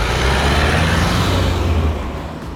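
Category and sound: vehicle, busy road traffic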